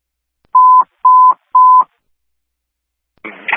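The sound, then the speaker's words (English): Three evenly spaced telephone keypad tones beep in quick succession, each short and clear, followed by a brief burst of crackly noise; no one speaks. “Just be advised, it sounds like we're taking a call back from that phone number.”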